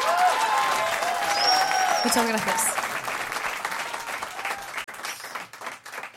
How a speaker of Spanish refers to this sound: Quiero que por favor le den un aplauso muy fuerte.